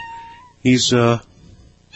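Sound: cat meowing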